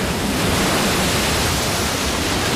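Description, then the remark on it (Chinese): Rough sea surging against a reef-studded rocky coast on the route chinstrap penguins travel to and from their breeding grounds, heard as a dense, continuous roar of churning water, loud, with no distinct individual crashes and no voices. “汹涌的海浪和礁石密布的海岸，让帽带企鹅往返繁殖地的路途变得格外凶险。”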